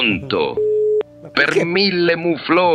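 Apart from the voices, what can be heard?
telephone busy tone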